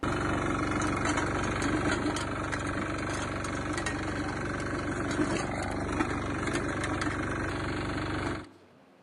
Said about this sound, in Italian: Sì, però tu guidi un altro tipo di moto. Io il mio automezzo, il trattore, quello... La moto zappa!